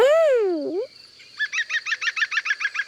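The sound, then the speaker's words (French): A woodpecker with green feathers, a red head and a long beak, which drums its beak on a tree trunk to communicate with other birds: first a harmonic, wavering note that rises and falls, then after a short pause a fast, even run of about a dozen sharp, ringing notes, with no other sounds. “C'est un pivert. Le pivert tape avec son bec sur le tronc de l'arbre pour parler avec les autres oiseaux.”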